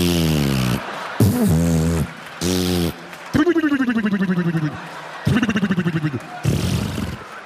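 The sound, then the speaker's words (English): A voice imitates a vaginal fart, as made by extra air in the vagina during lovemaking, with a string of loud, buzzy sputters and wet squelching bursts, several short ones, then longer wobbling glides, with brief gaps between. “a pussy fart is like when you're making love to a woman who's got a little extra air in her vagina.”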